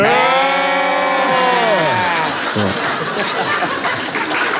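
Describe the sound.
Several people imitate sheep, bleating together in two voices in one long, wavering, nasal baa lasting about two seconds, then it breaks into laughter and overlapping chatter.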